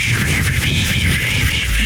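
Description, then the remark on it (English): A person imitates rain with a steady, loud hissing shush held for a couple of seconds, continuous and unbroken, with no words spoken. “rain sounds like this.”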